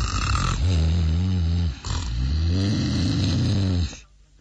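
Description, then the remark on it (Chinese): A voice imitates the loud snoring of Ma Wu, who has collapsed on top of a city wall in the night wind: two long, rasping, low-pitched breaths with a brief gap between them, each rumbling steadily before cutting off into near silence. “这位马子章就打起呼噜来了。”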